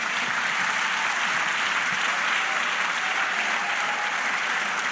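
A church audience applauds for the Lord in a steady, dense wash of clapping that holds at an even, loud level for the whole stretch, with no voices rising above it.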